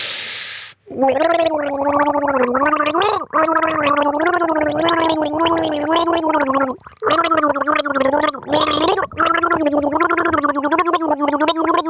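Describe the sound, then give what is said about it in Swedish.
A voice gargles the melody of a well-known song for listeners to guess, the bubbling tone rising and falling in a song-like melody for about eleven seconds with a few short breaks between phrases. “Vad är det för låt jag gurglar?”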